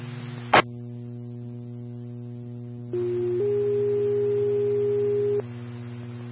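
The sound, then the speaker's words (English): A sharp click, then steady electronic alert tones: one pitch holds briefly before stepping up to a second, longer sustained tone over a constant low hum, a radio dispatch paging signal sent for Engine 5 and Medic 1 for a breathing-problems call. “Farm attention 5, medic 1, send for tones.”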